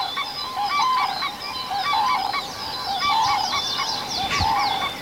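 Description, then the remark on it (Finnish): A chorus of common cranes calling at sunrise over a reed bed with birch trees, loud overlapping bugling and trumpeting notes repeating steadily throughout, with a constant low background hum and no talking. “Ja noi koivut, no niin, kurjet huutaa.”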